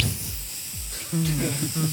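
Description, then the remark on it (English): A voice imitates the sound of a dog urinating on a spongy surface in the back of a moving car: a steady, breathy hiss like spraying liquid runs for about two seconds, with low murmured voice sounds mixed in toward the end. “He's weed in the back of the car”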